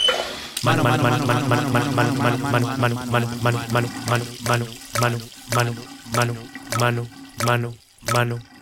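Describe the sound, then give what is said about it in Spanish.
Water runs from an open tap with a loud, sputtering gurgle that pulses in a steady rhythm, the bursts spacing out and growing choppier toward the end. “Para lavar algo tan sencillo no necesitas dejar la llave abierta.”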